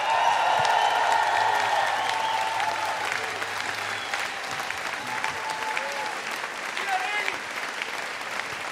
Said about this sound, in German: Was für ein Gastgeber, oder? Burgersdorf, Riesenapplaus für Thomas Stipsitz.